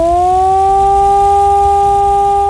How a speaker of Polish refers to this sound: W tym czasie syreny mogą być uruchamiane kilkukrotnie, a podczas ćwiczeń emitowane będą dwa rodzaje sygnałów. Ogłoszenie alarmu to modulowany dźwięk syreny trwający 3 minuty.